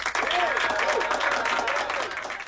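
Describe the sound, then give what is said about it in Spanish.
Audience applause, a dense steady wash of many hands clapping that holds loud for the whole moment, with faint voices mixed into the crowd noise. “El aplauso es para todos aquellos que han decidido inscribirse en el Instituto Radiofónico de Fe y Alegría en Educomunicación, porque el que no se inscriba va a quedar así.”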